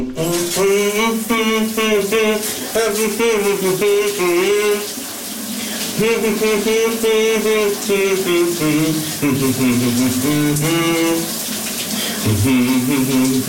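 A shower runs with a steady, loud hiss of water while someone sings a melody over it, the voice pausing briefly partway through before carrying on.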